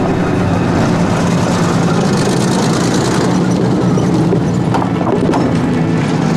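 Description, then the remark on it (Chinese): A steady, loud rumble of engines rolls on without a break, from motorcycles and four cars of a Japanese army convoy moving together, with a faint rhythmic clatter and no one speaking. “辆摩托车，四辆轿子。鬼子这是要娶媳妇儿啊，搞这么大排场。”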